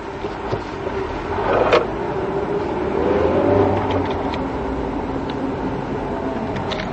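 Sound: car engine accelerating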